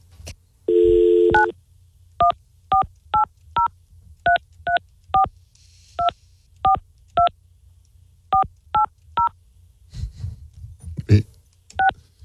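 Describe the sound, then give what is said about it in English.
A brief dial tone, then a touch-tone phone number being dialed for a call on a radio show: about a dozen crisp, evenly paced keypad beeps in quick clusters, clear. A voice briefly speaks near the end. “This is my phone number neighbor.”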